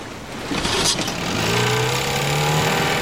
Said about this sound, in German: Hat viel Glück, dass der Motor sofort angesprungen ist.